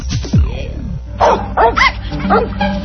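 A dog gives several sharp, close barks in an uneven sequence, preceded by a brief whining yelp, with a faint background hum throughout.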